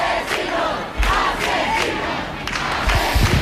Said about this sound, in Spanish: Sonido directo de los vecinos gritando asesinos a quienes se la están llevando.